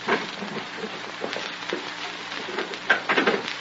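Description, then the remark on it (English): A glass pane is smashed with a nightstick, and fragments crackle and tinkle for several seconds, with a sharper burst of breaking near the end. No one speaks. “Now, take my nightstick. Break the glass.”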